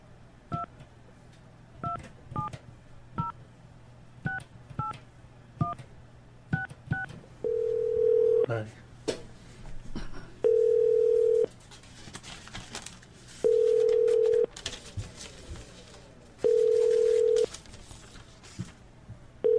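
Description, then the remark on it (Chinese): A quick run of paired touch-tone dialing beeps as a call is placed to a show's guest, followed by a ringback tone, four steady buzzy pulses about a second long each, evenly spaced with pauses between, over a faint low hum. “咱即马来个卡定位啦吼啊”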